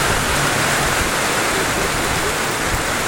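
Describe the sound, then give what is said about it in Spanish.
Heavy rain pours down in a dense, steady roar that fills the whole space, loud and unbroken for the full stretch with no voices over it. “Oye, pero ahí sí que está lloviendo con ganas.”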